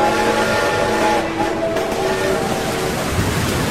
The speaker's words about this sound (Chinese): 东面驶来的一辆运煤车，在风雨中喷吐着白雾，车头如小山一般急速奔涌而过，他几乎和汽笛的喧鸣同时发出了一声长嚎。